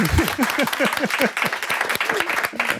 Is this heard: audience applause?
yes